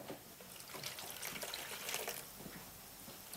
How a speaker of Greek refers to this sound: Πόσο νεράκι βάλατε? Περίπου ένα νεροπότηρο.